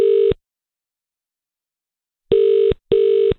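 A telephone ringing tone heard from the caller's end as an MFR radio presenter places a call: steady electronic buzzes in the double-ring pattern, a lone burst, a pause, then a close pair. Clear and loud, no voices.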